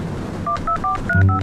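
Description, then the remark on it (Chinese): A phone number being dialed: five short, evenly spaced keypad beeps, each a steady two-tone chirp, with a low hum coming in under the last two. “哎呀，哎，我给你拨一下。”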